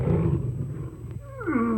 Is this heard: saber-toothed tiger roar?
yes